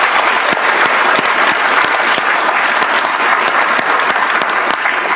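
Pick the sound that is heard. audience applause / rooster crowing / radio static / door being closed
audience applause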